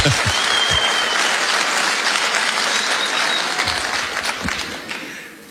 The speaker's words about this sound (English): Why are they clapping?